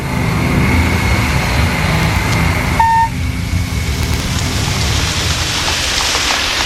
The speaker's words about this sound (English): It was raining when we got to camp.